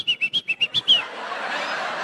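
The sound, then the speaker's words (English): A person whistles a rapid run of about seven short, clear notes in a steady rhythm, imitating a called-out name, then a broad wash of noise takes over. “They could communicate to one another like the Mayans simply by whistling like, Maria!”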